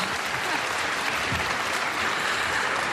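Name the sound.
applause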